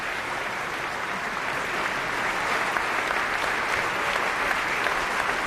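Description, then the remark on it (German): Sustained, dense applause from a large theatre audience at the Staatstheater Nürnberg celebrating the ensemble as they bow on stage, steady clapping that swells slightly louder midway and continues without pause, with no voices standing out. “Applaus für den Dirigenten”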